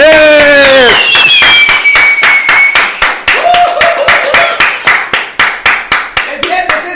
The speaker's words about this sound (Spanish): Muy buenos días. Fuerte el aplauso.